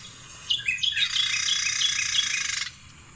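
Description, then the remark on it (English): A Carolina Wren sings a rapid, rolling series of repeated bright phrases for about two seconds, clear, with only faint background hiss around it. “That is a Carolina Wren as well.”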